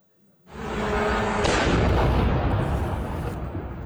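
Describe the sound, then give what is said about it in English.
A drone crashes into a 10-story apartment block in Romania and explodes: a sudden blast becomes a loud, deep roaring rumble with crackling debris that lingers for several seconds and barely fades. No voices are heard. “NATO and the EU are condemning Russia after a drone crashed into a 10-story apartment block in Romania and exploded.”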